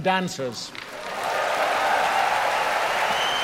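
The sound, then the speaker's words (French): Conductor Zachary Oramo speaks briefly in English to the Proms audience, asking them to applaud the singers, musicians and dancers, then the concert audience breaks into dense, steady applause, a loud wash of many hands clapping that holds evenly to the end. “Là, il est en ce moment en train de demander au public d'applaudir les chanteurs, les musiciens et les danseurs qui ont participé à la soirée.”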